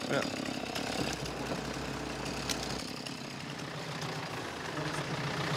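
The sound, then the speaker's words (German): A tractor engine runs steadily, a continuous low mechanical drone with rattling texture, holding constant for the whole stretch with faint voices mixed underneath, during tree-felling work. “So, haben wir holen den Trecker”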